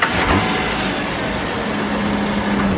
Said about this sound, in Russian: Проехав по усыпанной серым гравием площадке перед особняком, внедорожник выезжает на спускающуюся вниз изгибающуюся дорогу.